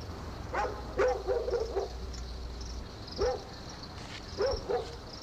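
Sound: dogs barking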